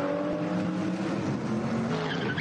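A race car's tyres give a short, high chirp as it pulls away from a pit stop during a morning race in the Eifel, over a loud, steady engine roar. No one speaks.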